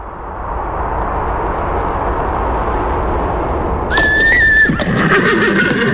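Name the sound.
horse neighing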